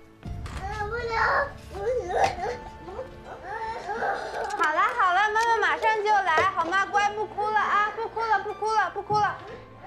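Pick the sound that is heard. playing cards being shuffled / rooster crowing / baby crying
baby crying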